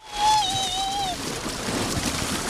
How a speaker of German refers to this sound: Wasserrutsche runter. Mega, oder? Bei 30 Grad. Kann man mal ganz gut machen, rein ins kühle Naturwasser. In der Herpine in Halfa.